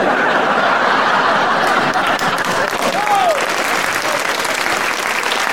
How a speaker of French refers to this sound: Oh, je sais bien pourquoi vous applaudissez, va. C'est parce que vous êtes content que ça soit fini.